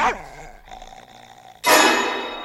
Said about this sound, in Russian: Она укусила его за ногу. Ты посмотри, что с ним? Ну что случилось? Ты постояльца укусила собака Фиренсайд.